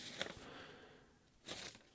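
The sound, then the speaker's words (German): Papers rustle and crinkle in two short, quiet bursts as someone handles a pile of papers, separated by a brief lull, with no one speaking. “Ich habe zu viele Papiere hier.”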